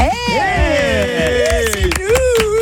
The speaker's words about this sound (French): On s'applaudit, t'as vu, on s'aime tellement qu'on s'applaudit.